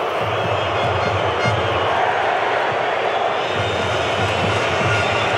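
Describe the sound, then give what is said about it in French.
A stadium crowd in Guadalajara roars steadily and loudly at a football match between Mexico and South Korea, whistling whenever the opposing team touches the ball; the dense, unbroken wash of noise carries a shrill edge throughout, with no speech. “Et on entend les coups de sifflet dès que l'adversaire va toucher le ballon.”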